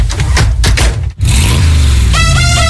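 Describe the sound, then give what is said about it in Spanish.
A loud old car engine rumbles, cuts out briefly, then roars back and revs upward in a rising whine, settling into a strong steady drone with a faint pulsing tone on top. “Somos más de coches pobres, coches antiguos, eso.”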